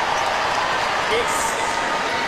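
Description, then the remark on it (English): A loud stadium crowd roars in a steady, unbroken wash of noise for about two seconds during a match, with no clear individual voices standing out from the din. “Well, and it is so loud in the stadium, the players having to double check with the umpire exactly what the call is.”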